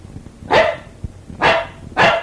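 A dog barks three times at a steady pace, sharp and fairly loud, from the back seat of a car, with a low rumble underneath.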